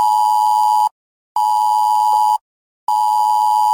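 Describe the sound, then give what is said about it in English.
A loud, harsh electronic emergency alert tone blares from a mobile phone in long steady bursts, roughly one second each, separated by short silences, with no voices present, during a planned UK government test of the emergency alerts system on Sunday, 7 September at 3 p.m. “You'll get an alert like this on your mobile phone.”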